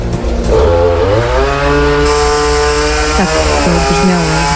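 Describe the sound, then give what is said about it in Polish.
A chainsaw runs loudly throughout, its engine whining steadily with pitch dips and rises as the chain bites into wood, then revs back up; no voices are heard. Volunteer firefighters in Rybna, Lesser Poland, are cutting up wind-felled tree branches. “Najwięcej wczorajszych interwencji dotyczyło usuwania wiatrołomów i ja obserwowałam akcję strażaków w Ochotniczej Straży Pożarnej w Małopolskiej Rybnej.”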